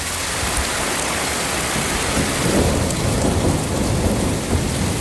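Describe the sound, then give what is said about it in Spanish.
Heavy rain pours down steadily in a dense hiss while thunder rumbles low underneath, swelling briefly near the middle. No voices, just the continuous roar of a storm in the Madrid region of Spain. “Bajada notable de las temperaturas tras la tormenta que descargó con fuerza ayer en varios puntos de la región.”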